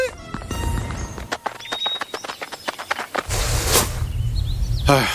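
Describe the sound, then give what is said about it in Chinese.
Hooves of a donkey wearing Logger Vick's (Guangtou Qiang's) clothes clip-clop at a company in a quick, steady rhythm of crisp knocks for a few seconds, then give way to a louder broad rushing noise. “大毛猴，光头强没出来，出来头驴， 啥玩意儿？公司啥时候有头驴啊？”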